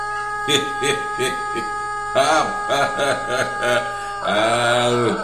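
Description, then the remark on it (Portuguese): A rooster crows in a run of short, bright, harmonic bursts, then ends on one long, drawn-out crow held for about a second, fairly loud over a steady background hum. “Ô, solta esse galo aí que ele mandou pra mim aí, é.”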